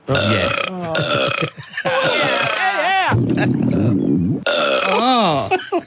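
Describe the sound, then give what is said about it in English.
A long, loud, guttural burp rolls on almost without a break for several seconds, wavering in pitch and grinding low in the throat; a voice appears to be imitating it. “there was a lady sitting next to us, and then she let out this massive, massive burp. It's just one continuous guttural burp.”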